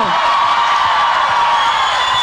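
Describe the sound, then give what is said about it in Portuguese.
A large crowd cheers and shouts continuously, celebrating victory and applauding Jesus, a loud, steady wash of voices with high whoops rising above it throughout, no single speaker standing out. “Quem celebra a vitória, aplaude Jesus e faz barulho.”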